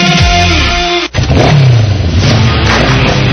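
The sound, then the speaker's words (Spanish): A loud motorcycle engine revs with rising and falling pitch, cuts out for an instant, then roars back with throaty growling. No one speaks. “Este verano se disfruta mejor sobre una moto Vento.”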